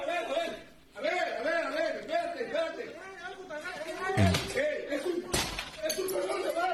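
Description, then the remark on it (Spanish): Two heavy, sharp sledgehammer blows strike a door as someone forces it open to get into a home, cutting through steady agitated voices of several people talking. “abriendo la puerta allá con un mazo, intentando entrar al domicilio para todo.”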